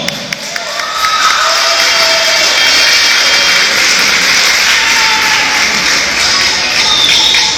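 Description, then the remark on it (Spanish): Loud, sustained applause from a large crowd welcoming the María Auxiliadora parish of the diocese of Comayagua during a live broadcast fills the whole stretch, a dense steady roar of clapping mixed with cheers and a few high whistles or shouts. “La recibimos con un fuerte aplauso.”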